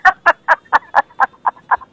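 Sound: chicken clucking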